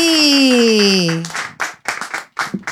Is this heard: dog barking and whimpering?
no